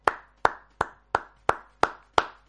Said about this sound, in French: moi, je m'en vais applaudir